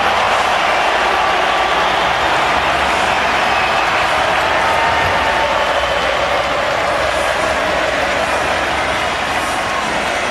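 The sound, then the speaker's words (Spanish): Sustained applause from a large stadium crowd as Messi appears at an Argentina–Jordan match: a dense, even wash of clapping that holds steady and loud for the whole stretch, with no voices standing out. “Todo lo que aparece Messi se transforma en aplauso.”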